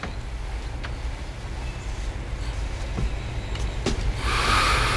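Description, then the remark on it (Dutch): Heavy truck traffic rumbles steadily, a deep engine drone with occasional clunks, swelling into a louder, brighter rush near the end as a large truck passes. “Om die vrachtwagens te overstemmen, moet ik mijn stem een beetje naar beneden halen, heb ik al begrepen?”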